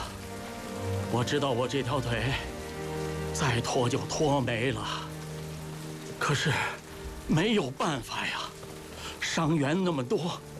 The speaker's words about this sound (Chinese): 下雨了，快走啊！